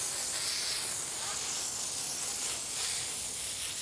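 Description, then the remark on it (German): Water sprays steadily from a shower hose onto a tapir being washed, in a continuous, loud hiss that stays even for the whole stretch, with slight surges, and no voices. “Eine richtige Sause mit der Brause. Und dann noch mit Wasserstrahlmassage.”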